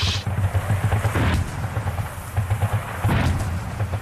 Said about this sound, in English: You can see tanks, there are tanks down there. At the bottom of the valley, you can see flashes of light just before they launch the artillery. Now the whole valley, you can hear the echoes across this massive space here in remote North Queensland.